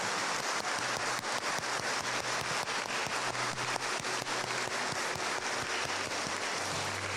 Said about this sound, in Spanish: Pues vamos a darles un fuerte aplauso a todos los papás que están aquí presentes en este su día.